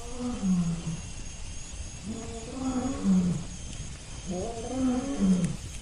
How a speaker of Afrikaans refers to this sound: En dan, uit die verte, kom die eerste leeu.